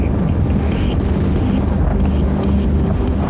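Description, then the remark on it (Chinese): Strong wind roars and buffets steadily across the whole stretch, a loud, low-heavy rush with no pauses and no voices, at the top of a main tower above a canyon, heard on stepping out of a small access hatch. “当我踏出舱门，耳边只有呼啸的风声。”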